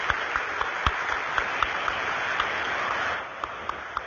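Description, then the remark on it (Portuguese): Steady applause from a crowd welcoming a nun and young women considering religious vocations fills the whole stretch, a dense patter of many hands clapping with a few sharper individual claps standing out, easing slightly in the final second. “Então, manifestemos nossa acolhida com uma forte salva de palmas, a irmã e as vocacionadas.”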